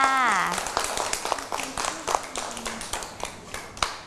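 A short voice opens, then a small group claps steadily for a child for about three seconds, the claps irregular and overlapping, with a few sharper hits and faint voices in the background.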